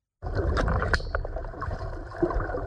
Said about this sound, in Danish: Vand og pling.